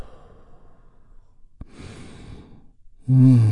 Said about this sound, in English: as we take one great big healing breath. All together, here we go. And release.